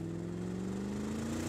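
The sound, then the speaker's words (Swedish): A car engine hums steadily as a father drives the car, a constant low droning tone at even volume throughout, with no voices present. “Sagas pappa kör bilen.”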